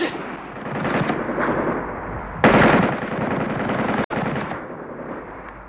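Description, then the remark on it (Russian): Loud, dense gunfire rattles continuously, with a sharper surge midway and a brief cut-off near the end: machine-gun bursts from a rooftop aimed at artillery gun crews, mixed into a chaotic battle din. “С пулеметом на крыше снять орудийные расчеты!”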